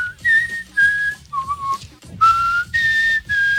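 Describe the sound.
A person whistles a short tune of several sustained, clear notes that step up and down in pitch, fairly loud, with no talking over it.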